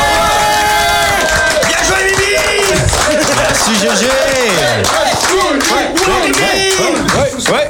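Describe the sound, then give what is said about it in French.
A loud crowd claps and cheers continuously, with whoops and shouting voices layered over steady applause that stays full throughout. “Et je pense que tu mérites que tout le monde t'applaudisse et te crie un peu dessus.”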